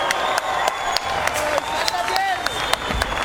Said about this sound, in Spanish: Otro aplauso, por favor. Un aplauso más fuerte.